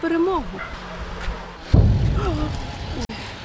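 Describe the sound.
A deep, muffled boom from drones being shot down rolls out midway and fades over a second, followed by a sharp crack near the end, while someone keeps talking over it.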